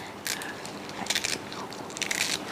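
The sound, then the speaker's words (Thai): Hands crushing and bruising chamuang leaves in the traditional way, tearing them rather than cutting, so the sourness comes out easily for cooking: three short bursts of crisp, crinkly rustling and crunching, fairly quiet, with brief pauses between them and no talking. “ค่ะแล้วก็นี่ค่ะถ้าพื้นบ้านจริงๆใช้มือขยี้หน่อยหนึ่งค่ะให้เขาช้ำมาค่ะ อย่างนี้เลย”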